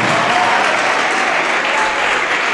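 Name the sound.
audience applauding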